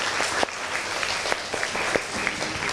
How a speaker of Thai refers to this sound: ก่อนอื่นปรบมือให้กำลังใจเพื่อนหน่อยเลย